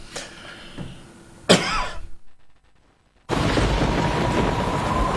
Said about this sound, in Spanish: La lluvia y el frío afuera.